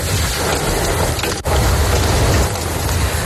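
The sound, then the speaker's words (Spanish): Hail pelts down hard and steadily in the town of Macael, in the north of Almería province, Spain, a dense, loud clatter of countless small impacts, with one brief break before the pounding resumes. No voices are heard. “En el norte de la provincia de Almería así sonaba el granizo en la localidad de Macael.”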